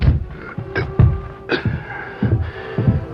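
A series of about six solid knocks on the wooden door of a home shortly after darkness has fallen, fairly loud, landing in an uneven rhythm with brief pauses between them. No one speaks.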